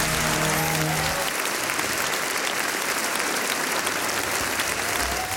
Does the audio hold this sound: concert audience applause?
yes